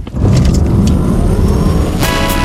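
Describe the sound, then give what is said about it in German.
A car engine revs loudly and steadily in a Ford Puma advertisement, a dense low rumble with a rising whine, holding at full strength for a couple of seconds with no voices. “Vereinbaren Sie jetzt einen Termin für eine Probefahrt bei Ford und erleben Sie Abenteuer statt Alltag im Ford Puma.”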